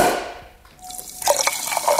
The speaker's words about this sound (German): So, ein Gläschen Sprudelwasser nenne ich es mal.